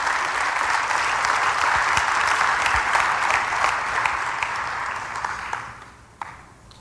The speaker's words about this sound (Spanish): Qué poquitas, ¿verdad? Vengan aquí al frente. Sí, denles un aplauso. Vengan aquí al frente, por favor.